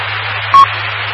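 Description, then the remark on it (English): A radio transmitter keyed up with no one speaking: steady, band-limited carrier hiss over a low hum for about a second, broken midway by a short, sharp beep. “keyed up.”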